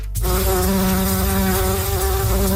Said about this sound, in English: there could soon be more bumblebees and other pollinators buzzing around Prince Edward Island if Charles Lipnicki gets his way.